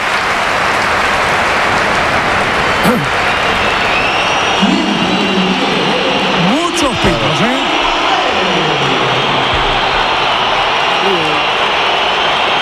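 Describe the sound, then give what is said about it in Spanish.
A large stadium crowd at the Bernabéu applauds Real Madrid player Gonzalo as he is substituted for Mbappé, in a steady, dense roar that lasts throughout, with a few voices faintly audible above the crowd noise. “Aplausos para Gonzalo.”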